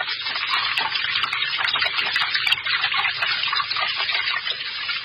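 Loud, steady rushing water pours without pause, a dense hissing torrent like a strong gush from a tap or spillway, filling the whole scene with no voices.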